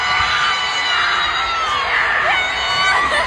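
A concert crowd in London, watching England play Congo on a big screen, roars and cheers continuously at Harry Kane's goal, a loud wall of overlapping shouts and screams with higher-pitched whoops rising out of it toward the end.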